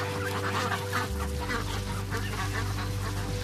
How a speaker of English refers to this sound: Are they the ducks? Yeah.